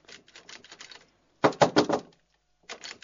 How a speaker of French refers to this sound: Ouvre la porte, s'il te plaît. Voilà, c'est Rabbi Slow qui tape à votre porte, hein, donc là.